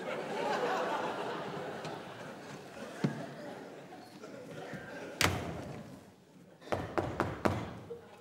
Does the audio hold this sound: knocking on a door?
yes